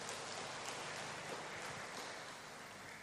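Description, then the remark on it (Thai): A church audience claps steadily at a mass to welcome a religious Brother returning to the parish during the school holidays, a dense, crackling wash of many hands that holds an even level for about three seconds with no voices over it. “ตอนนี้ก็ปิดเทอมนะครับก็กลับมาที่วัดของเราเสียงปรบมือต้อนรับบราเดอร์นะครับ”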